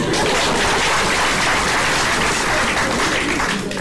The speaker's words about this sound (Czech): Žádám potlesk pro naše občany.